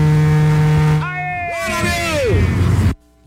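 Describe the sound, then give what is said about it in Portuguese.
A car horn is honked by a driver passing in front of a shopping mall: one long, loud, steady honk, its tone then wavering and sliding in pitch over traffic noise before cutting off abruptly. “Toma a buzinada.”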